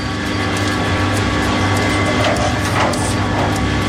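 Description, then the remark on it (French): A coffee roaster's cooling-tray mixer, switched on for the cooler while roasting Guatemalan coffee, runs with a steady, loud mechanical whir and rattle, layered with constant humming tones and faint scraping, no voices over it. “Je vais allumer le mixeur. Pour le refroidisseur.”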